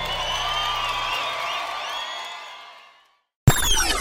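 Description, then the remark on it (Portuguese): A loud crowd in Ribeirão Preto cheers and screams with high whoops, the roar holding steady before fading out over about three seconds; after a short silence, a different sound cuts in abruptly. “Pode fazer barulho, Ribeirão Preto!”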